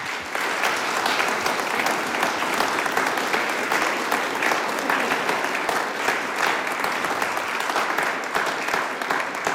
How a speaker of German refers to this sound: Und damit es nicht gar so trocken wird, kriegen die dabei einmal einen Applaus.